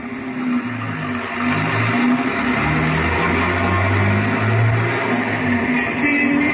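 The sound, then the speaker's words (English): A big car's engine drones steadily, its low hum rising and falling slightly in pitch as it drives along, with a constant rushing noise and no voices. “We started for a big car in the corner.”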